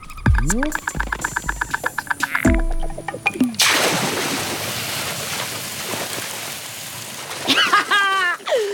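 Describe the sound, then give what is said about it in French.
Water splashes and churns steadily for several seconds as an anteater swims through a river, paddling with its front legs, bracketed by brief voiced, musical-sounding cries before and after. “Notre fourmilier est bon nageur. Bon, il nage avec les pattes avant, un peu comme un petit chien, mais c'est efficace.”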